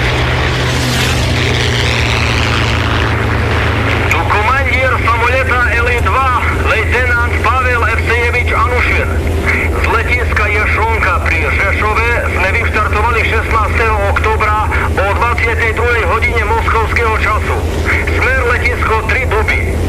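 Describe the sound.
A steady, loud, low-pitched engine drone fills an airplane cabin, heard at the back near the tail. It stays unbroken from start to finish while voices talk over the constant hum.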